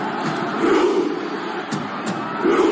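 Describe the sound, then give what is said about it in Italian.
Norwegian football fans performing the Viking chant known as the Viking Row at the football World Cup: a dense, steady roar of many voices chanting together, punctuated by a couple of sharp, clap-like hits. “Insomma, numeri da record, così come da record il numero delle interazioni sui social media di video relativi ai mondiali di calcio, con in testa la classifica la Viking Row dei tifosi norvegesi con oltre 174 milioni di visualizzazioni.”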